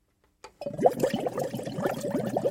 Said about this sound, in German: Im Algenlabor der Hochschule Anhalt rauscht grünes Wasser durch ein streng überwachtes Rohrsystem.